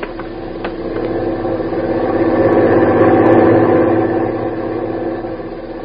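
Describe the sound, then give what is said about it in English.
A heavy truck engine rumbles as the truck approaches, swelling to a steady loud drone before easing down toward an idle as it comes to a halt in front of a boat, with no talking over it. “Truck is stopping in front of the boat.”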